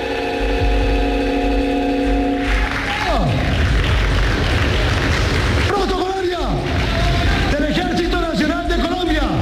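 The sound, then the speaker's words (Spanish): Ceremonial 21-gun salute salvos in honor of Colombia's new president, Abelardo de la Espriella, at his inauguration: heavy booms fire roughly every few seconds, each with a rumbling, falling tail, over a steady wash of crowd noise and a sustained brass-like tone at the start. “Salvas, salvas protocolarias, 21 salvas en honor al nuevo presidente Abelardo de la Espriella.”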